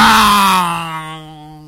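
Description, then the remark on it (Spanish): A voice imitates a passing motorcycle with a loud, buzzy, sustained engine drone that starts rough and noisy, then thins into a steady low hum and fades over under two seconds. “No, cuando viene la moto es...”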